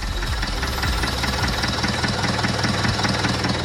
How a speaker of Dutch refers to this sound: Het geluid van een vrachtwagen. Ja, dat is een vrachtwagen, een bakwagen eigenlijk.